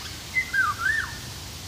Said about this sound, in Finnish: Kuhankeittäjä viikon luontoäänenä esittelijänä oli Kerttu Kotakorpi.